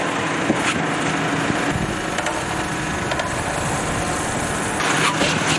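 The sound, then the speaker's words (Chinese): The engine of a newly built Chinese-made off-road vehicle runs steadily during a differential-lock test at a car company in Laixi, Shandong, a loud continuous mechanical drone with slight rises in revving throughout and no voices. “这是山东莱西一家汽车企业正在对刚下线的这款国产越野车进行车辆差速锁实验测试。”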